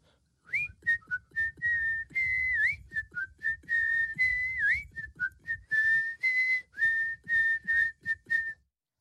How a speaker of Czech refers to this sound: Kluk se z toho náramně radoval a z té radosti si dal ruce do kapes a začal pískat písničku